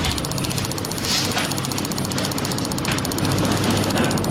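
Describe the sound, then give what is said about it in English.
World-record computer mouse clicking at 760 clicks a minute, a steady, unbroken rattle of sharp clicks, more than ten per second, blurring into a buzzing drone that stays loud for the whole stretch with no voices. “He clicked 760 clicks a minute. Here's what it sounds like.”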